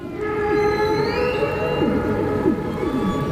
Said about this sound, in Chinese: 雄性座头鲸头朝下倒立着唱歌，其中原因我们不得而知。鲸的歌声复杂多变，构成它们多样的行为模式的一部分，其中有音乐的元素，也有语言的成分，但彼此间传递的真正含义，人类还不能完全理解。